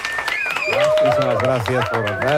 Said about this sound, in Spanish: Sergio del Molino, a quien recibimos también con un fuerte aplauso. Bienvenido al escenario, Sergio.